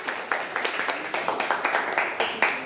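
A class of students claps together for a couple of seconds, a dense, steady patter of many hands at moderate loudness, with no one talking over it.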